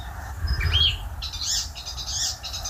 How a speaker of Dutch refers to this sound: Wat een bijzondere, ja, beetje maffe vogel is die spotvogel toch. Razendsnelle geluiden.